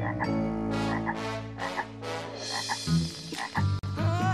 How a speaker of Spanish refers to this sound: ¿Será otra rana intrusa?